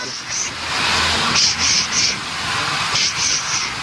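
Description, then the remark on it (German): An old steam locomotive, Lok Nummer 17, built in 1925 in Winterthur with 500 hp and pulling red nostalgic carriages about 100 years old, hisses loudly: a steady rush of steam broken by sharp, repeated bursts in small clusters of two or three. “angetrieben auch von einer alten Dampflok, die zischt und zischt. Sie hören's ja hier schon.”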